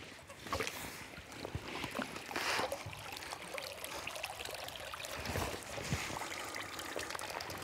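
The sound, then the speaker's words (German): Water streams and dribbles steadily off a fish cage holding Baltic whitefish as it is lifted far out of the water, draining through its very fine mesh, about 8 tonnes of water inside; a continuous splashing trickle with occasional louder gushes and no voices. “Müssen wir den erstmal ziemlich weit aus dem Wasser rausholen, um an die Fische ranzukommen.”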